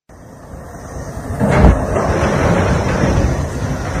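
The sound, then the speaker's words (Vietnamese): Heavy construction machinery engines at the building site of the Ba Tần inter-level primary and lower-secondary boarding school, Lai Châu province, Vietnam, after 7 a.m., drone in a steady, loud, low rumble, swelling to a brief louder roar partway through before settling into a continuous grinding hum. No one speaks. “Tại công trình trường phổ thông nội trú liên cấp tiểu học và trung học cơ sở Ba Tần, tỉnh Lai Châu, hơn 7 giờ sáng, công trường đã rộn vang tiếng động cơ máy móc.”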